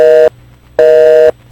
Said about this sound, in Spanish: Cuando el teléfono de la radio está ocupado